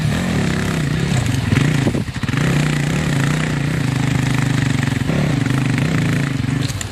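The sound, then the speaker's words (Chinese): A newly issued mountain motorcycle engine runs loud, its throttle rising and falling in rough revs, with a brief dip around two seconds before the steady buzzing roar resumes. “聪明好学、勇于尝试新鲜事物的他，第一眼就喜欢上了刚配发的山地摩托车。”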